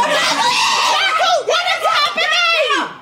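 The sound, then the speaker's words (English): Several high-pitched girls' voices shout and yell excitedly together while watching the last minutes of a football match, loud, with sharp rising and falling wails over about three seconds of continuous clamor. “But these are the girls that I was watching with shouting.”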